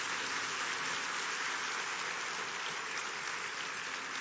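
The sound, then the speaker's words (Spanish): An audience at a Manantial church service applauds steadily, a dense, even wash of clapping that holds at a constant level for several seconds with no voices over it. “¿Le podemos dar un aplauso a Dios por todas esas personas que se conectan?”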